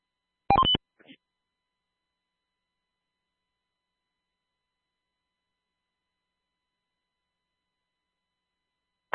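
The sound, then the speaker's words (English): A brief burst of cell phone keypad tones near the start, followed by a faint blip and a long stretch of silence, with another short tone cutting in right at the end. “Hey, 99 headquarters, pick up on the cell phone.”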